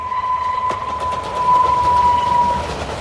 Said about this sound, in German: So klang das effizienteste Verkehrsmittel, das die Menschheit kennt, noch vor einigen Jahrzehnten. Es waren Dampfzüge, die waren polternd, stoffernd und richtig schön am Dampfen. Und die Dinger fahren zum Teil noch als Museumsbahn.